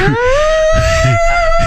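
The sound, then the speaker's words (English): A voice imitates a vacuum cleaner with a loud, steady droning hum that glides upward in pitch and then holds level, buzzing continuously for under two seconds over some low rumbling. “It does sound a little vacuumy. I know what you're talking about when it really gets humming there.”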